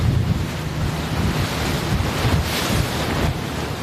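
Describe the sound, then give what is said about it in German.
Steady rush of wind buffeting the microphone over the wash of waves, heard aboard a tourist boat heading to Turtle Island, about 10 kilometres off the northeasternmost point of Taiwan's main island; loud and continuous with no voices. “An Bord eines Touristenbootes auf dem Weg zur Turtle Island, zur Schildkröteninsel.”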